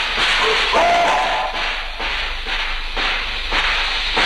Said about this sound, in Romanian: Chiar acum, în mod bizar, scoate fum un tren marfar.